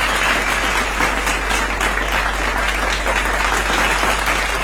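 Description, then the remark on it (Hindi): Loud, sustained applause from a crowd, a dense steady wash of clapping that holds at full strength for the whole stretch with no voices over it, given for a show's lucky winner who answered a quiz correctly. “सो आज आप हमारे शो की बंदी लकी सुपरस्टार, ये जोरदार तालियां आपके लिए, बहुत बहुत बधाइयां।”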